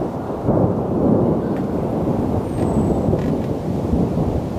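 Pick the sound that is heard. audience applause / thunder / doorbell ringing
thunder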